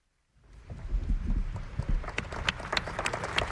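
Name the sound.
applause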